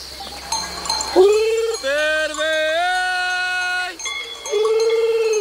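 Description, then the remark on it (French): Ewes on summer mountain pastures bleat loudly in answer to a shepherd's call, three wavering cries in a row with a long drawn-out one in the middle, while a steady jingle of bells rings faintly behind them. “Et du coup, nous, on le prend pour appeler les brebis.”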